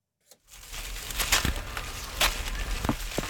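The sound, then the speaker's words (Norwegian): Apples drop from one of two large old apple trees in a garden at Slemdal in Oslo, Norway, making a few scattered thumps and rustles through leaves at irregular moments over a steady outdoor hiss. No one speaks. “Lyden av fallende epler ganske fint.”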